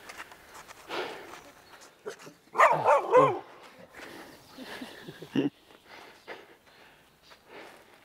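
A dog creeps up as if stalking, sniffing and snorting, with a short burst of louder huffing noises midway and soft shuffling movement around it.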